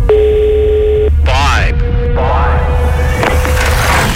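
A steady telephone ringing tone sounds on a line as a prize-draw call goes unanswered, broken midway by brief bursts of other sound before the flat tone carries on to the end.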